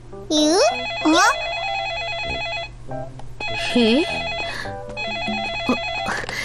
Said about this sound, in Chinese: 原来是电话响了。